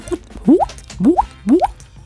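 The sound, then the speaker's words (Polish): A voice imitates a falling water drop, three bright rising plops spaced evenly about half a second apart, fairly loud, with no talking. “No to na pewno kropelka zawsze robi robotę, bo to jest takie, człowiek i robi dźwięk spadającej kropli wody, no to fajne jest.”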